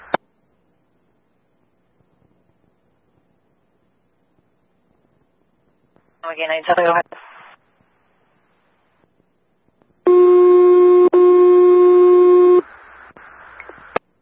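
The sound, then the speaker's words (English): Fire dispatch alert tones calling Clarkston fire to standby at the station: a brief warbling electronic chirp, then a loud, steady two-part tone held for a couple of seconds before cutting off into faint radio hiss. No talking. “Also, can you put out fire tones for standby to the station?”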